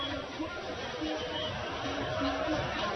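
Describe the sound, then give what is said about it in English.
Steady hubbub of a large crowd at a cricket match at Somerset Cricket Club on day one, a dense wash of overlapping voices with no words standing out, holding an even level throughout. “Nonetheless, there's nothing affecting it now. A bumper crowd on hand here.”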